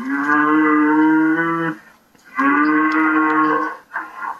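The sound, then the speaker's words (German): A cow moos twice, loud, each a long drawn-out low call with a short pause between, followed by a brief clipped start of a third moo. “Liebe Kuh, warum bin ich so hässlich?”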